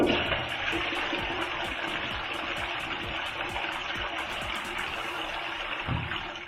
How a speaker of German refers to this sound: Nicht sendefähig, das heißt, wir ziehen mal wieder an der Klospülung.